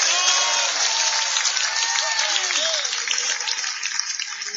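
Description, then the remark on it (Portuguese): A large church audience claps hands in praise to God in a dense, steady burst of applause that fills the space, with scattered voices calling out over the clapping throughout. “Quem pode bater palmas e dar glória a Deus?”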